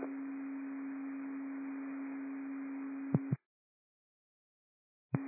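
A steady electronic radio dispatch alert tone for a call about a block and a half from a fire ladder unit holds for about three seconds over radio hiss, with a brief change in pitch before cutting off; after a pause of silence, the tone burst starts again.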